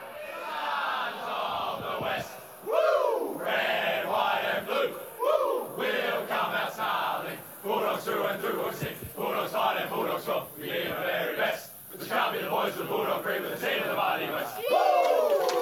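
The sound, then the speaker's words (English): The Western Bulldogs football team, after winning, loudly sings its victory song together, rough massed voices chanting and shouting in a steady, continuous rhythm, with occasional whoops rising above the group. “Maybe a bit of a routine singing of the song there, but they were pretty exhausted after the second half in particular.”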